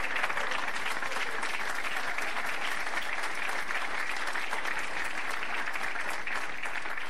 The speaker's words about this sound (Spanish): Démosle más palmas al Cristo de la gloria, hermano.